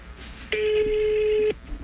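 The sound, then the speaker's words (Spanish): A single steady electronic telephone tone sounds for about one second, clear and fairly loud, with no talking around it, as a phone call is being placed to a man. “Vamos a llamarlo enseguida.”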